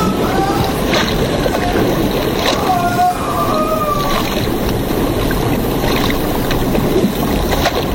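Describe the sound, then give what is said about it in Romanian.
A loud, steady roar of the rushing water of the Mureș river, sweeping away a mill, churning without pause, with a few brief higher wavering tones rising over the dense wash of sound. “Moara dusă de apă, gândești că e un balaur bătrân și bolnav care scormonește urlând valurile.”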